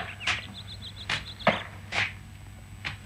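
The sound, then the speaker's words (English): An axe chopping trees near woodland cabins: five sharp, cracking blows at uneven intervals, each a short percussive thwack, with faint high bird chirps and a low steady hum in the background. “Somewhere close, I could hear someone chopping trees.”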